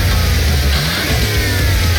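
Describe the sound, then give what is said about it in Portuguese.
A car engine revs and accelerates, a loud steady roar with deep low rumble throughout, no voices over it. “aquele carro que viu na concessionária?”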